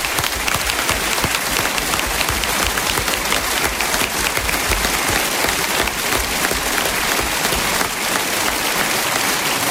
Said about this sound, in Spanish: Gracias, gracias, gracias, gracias por sus aplausos que no terminan nunca.